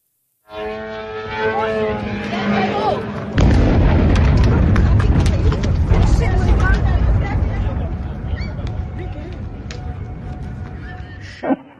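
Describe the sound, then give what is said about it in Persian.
A few seconds of wailing, siren-like tones are cut off by a sudden, heavy explosion, followed by a long rumbling roar with crackling debris and commotion, from Iranian missile and drone attacks on the United Arab Emirates during a war. “از حملات موشکی و پهپادی گرفته تا شلیک نمادین مجری تلویزیون دولتی به پرچم این کشور در برنامه زنده.”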